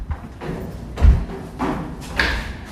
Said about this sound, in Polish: myślałam, że to będzie jakiś budynek, do którego będziemy wchodzić, a my tak naprawdę schodzimy po metalowych schodach w dół i za chwilę usłyszymy, jak będzie zmieniał się dźwięk. Schodzimy pod ziemię i otoczy nas za chwilę echo tych ceglanych murów.